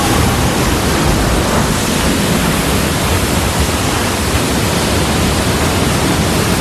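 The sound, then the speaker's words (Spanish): A steady, loud wash of sea noise, like waves and surf churning continuously with no distinct breaks, filling the whole recording without any voices. “Para todos ellos, ese viaje empieza en el mar.”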